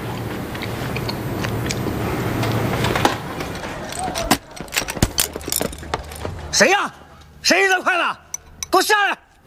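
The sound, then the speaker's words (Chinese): Thrown chopsticks clatter with a handful of sharp, irregular clicks against a hard surface, fairly loud, over a background murmur of voices that grows into louder vocal sounds toward the end. “谁呀？谁扔的筷子？给我下来！”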